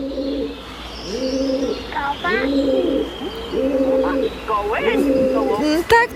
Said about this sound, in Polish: Tak, takie gruchające. Gołąbki.